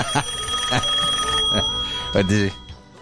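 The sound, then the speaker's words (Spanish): A phone's outgoing ringing tone hums steadily through the line as someone calls a friend, with short bursts of a voice speaking over it. “Hoy por teléfono se quedó sin internet.”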